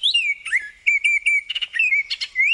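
An oriole sings a run of clear, whistled phrases, rich fluty notes sliding and repeating in a quick, fairly loud pattern with brief pauses, no voices present, at Colonel Samuel Smith Park in Etobicoke, Toronto, during the annual Spring Bird Festival.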